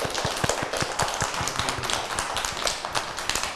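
A group of children clap together, a dense, uneven patter of sharp hand claps running steadily for a few seconds at moderate loudness, with no talking over it.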